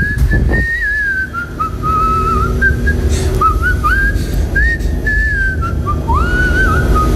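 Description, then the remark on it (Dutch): A person whistles a melody on a radio show for about seven seconds, the clear tone sliding between notes with little pauses, over a steady low background hum. No one speaks. “Nou, laten we eerst even naar het fluitje van jou horen.”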